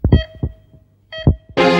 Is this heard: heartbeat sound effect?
yes